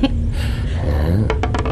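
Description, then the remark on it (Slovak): A die, thrown to decide who will drive, rattles and clatters across a surface, ending in a few quick sharp clicks as it bounces and settles over a low background rumble. “Mám tu kocku. Kto hodí vyššie číslo, sa dnesí za volant a pôjde 200.”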